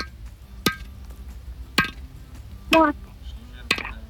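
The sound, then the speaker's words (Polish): Four sharp hammer blows land about a second apart, each a crisp strike with a short ringing tail, over a low steady background hum. “Bardzo dobrze, to jest młotek.”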